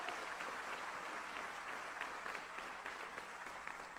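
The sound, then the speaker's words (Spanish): An audience applauds steadily in praise to the Lord, dense overlapping claps at a sustained, even level without pause, no voices standing out above the clapping. “Dele ese aplauso de alabanza al Señor.”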